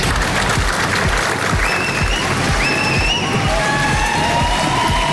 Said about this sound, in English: He says every decision he's taken has been about putting the country he loves first and was applauded and cheered by his team.